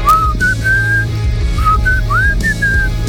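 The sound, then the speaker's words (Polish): A person whistles a slow, gliding melody of sustained notes, clear, over a low steady hum in the background. No one speaks. “Arbiter gwiżdża, podobnie jak … w utworze ….”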